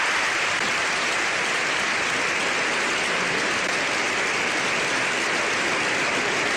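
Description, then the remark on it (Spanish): Dense, steady applause from legislators of different political parties standing in a parliament chamber in Spain, a prolonged ovation for the pope lasting several seconds, loud and unbroken, with no speech rising above the clapping. “Legisladores de distintas corrientes políticas se pusieron de pie para brindarle una prolongada ovación, mientras el recinto se llenaba de aplausos y gritos de apoyo.”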